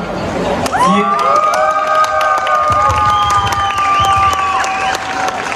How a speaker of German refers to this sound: Ich möchte noch ganz kurz einen Applaus für meine Kollegin